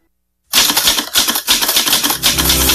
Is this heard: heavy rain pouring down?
no